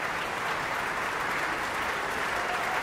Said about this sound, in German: Michael Volle hier, der seinen Applaus entgegennimmt.